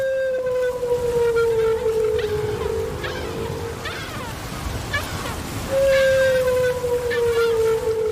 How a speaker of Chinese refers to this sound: 丽萨的水听器捕捉到了大齿鲸在水下的叫声，扬声器中传出了大齿鲸悠长的叫声。这种声音听起来像是来自外太空